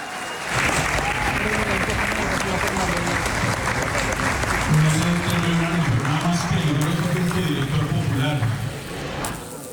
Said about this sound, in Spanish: Si quiere, escuchemos cómo el auditorio del salón donde se están llevando a cabo las conferencias, pues la elogió en medio de aplausos.